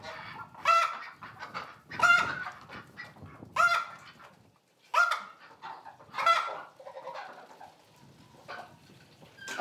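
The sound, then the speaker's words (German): Geese and ducks on a Hallig, kept in a sheep barn to protect them from bird flu, honk and quack in a string of loud, harsh calls, about five or six bursts roughly a second apart, with softer chatter between them and no one talking. “Die Enten und Gänse müssen in den Stall.”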